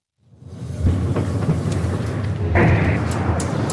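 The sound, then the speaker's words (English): A deep, rumbling boom rolls in from far away, followed by a sustained low roar and a second swell of rumble: two loud explosions in the distance, heard from the hospital in Nabatieh, a southern city in Lebanon. “We've just arrived at the hospital here in Nabatieh, and we've just heard two loud explosions in the distance.”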